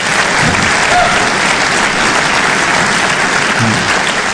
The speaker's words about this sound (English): Now, give me an applause. How many of you believe that God's word is true? Give me an applause if you believe it.